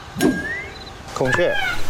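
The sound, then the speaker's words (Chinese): A loud, nasal bird cry rings out near the end, a harsh wailing peacock call, preceded by a brief sharp squawk and faint background noise; no one speaks. “孔雀不能吃哦。”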